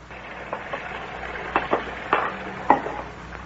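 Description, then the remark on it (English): Dishes being washed in a sink: scattered clinks and knocks of crockery over a steady wet hiss, moderately quiet, with no one talking. “It's such a pleasure to do the dishes when somebody is drying them.”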